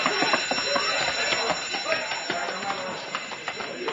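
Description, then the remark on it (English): A loud bank alarm bell, set off when a man stepped on the alarm during a robbery, rings nonstop, a harsh metallic clatter filling the whole moment, while voices talk urgently underneath. “Hey, he stepped on the alarm.”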